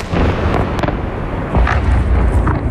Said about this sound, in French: De violentes explosions, des immeubles en feu, des voitures explosées et des secouristes qui retirent les corps des décombres. Ce sont les images qui nous parviennent des principales villes ukrainiennes.